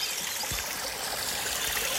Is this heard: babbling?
yes